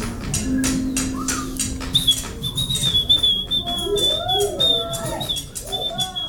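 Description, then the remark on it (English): An audience at NHPR's Live from the Word Barn whistles and imitates bird calls, with a sustained high whistle and overlapping warbling chirps and trills over a dense murmur of people. “Oh, if you have a bird noise, this is a great time to do it.”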